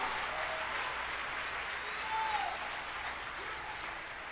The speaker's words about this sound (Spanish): Vamos a aplaudir más fuerte.